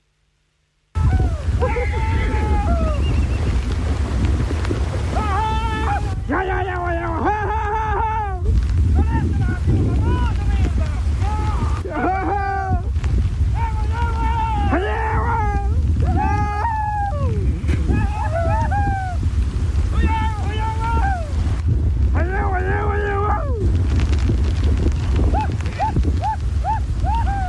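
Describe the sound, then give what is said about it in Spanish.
Thirty horses crossing the flooded, overflowing Carampangue River during a rescue at Punta Carampangue, Arauco: a constant loud roar of rushing water and wind, with repeated shouts and calls rising over it throughout. “no eran 2 caballos, eran 30 caballos que afortunadamente llegaron todos al otro lado”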